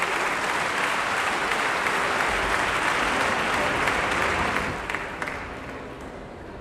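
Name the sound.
concert audience applause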